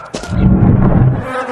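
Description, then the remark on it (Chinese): A dense, droning buzz of many flies and mosquitoes swells loud from an opened dungeon, steady for over a second over a low rumbling texture before easing off slightly. “什么味儿啊这？这么多苍蝇蚊子！”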